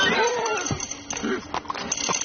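horse neighing and hooves

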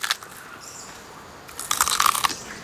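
koala chewing eucalyptus leaves

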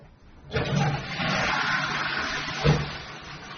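toilet flushing

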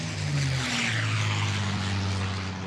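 airplane taking off

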